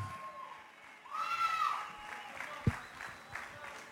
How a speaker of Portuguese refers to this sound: Eu quero ouvir um enorme aplauso para esta banda